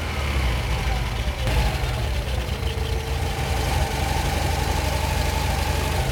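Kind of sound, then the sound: vehicle, car engine idling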